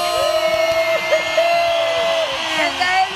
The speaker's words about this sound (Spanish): Académica e investigadora de la Facultad de Biología de la Universidad Veracruzana, recibamos con un aplauso a nuestra showcera terrestre oficial